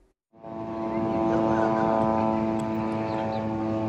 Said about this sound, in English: A Gaza that is frozen in ruins, with the constant whirr of Israeli drones flying overhead.